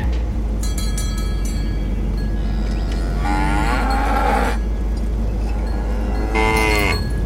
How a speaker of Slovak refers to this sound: Brzdi, kravy!